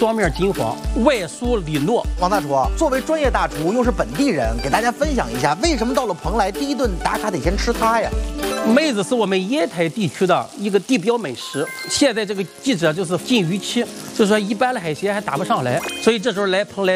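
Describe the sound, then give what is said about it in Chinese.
Steady sizzling of menzi, jelly made from granular sweet potato starch, frying in hot oil in a pan in Penglai, a constant crackling hiss, mostly beneath a person talking with some music-like tones in the background. “第一步呢，我们就把这个焖子先放在锅里煎，因为这个焖子啊要煎一点时间，最少也得20分钟到30分钟啊，它要才能煎到。”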